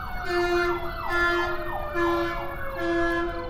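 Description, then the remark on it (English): An emergency vehicle siren wails as it passes by, in a steady rising-and-falling cycle repeating about four times, loud with a strong continuous tone and a low background rumble. “There's certainly no uniformity in their thought processes as the siren goes by.”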